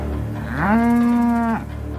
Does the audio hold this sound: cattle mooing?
yes